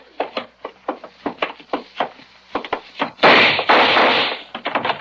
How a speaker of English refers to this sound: Okay, Bragg, I got the door open.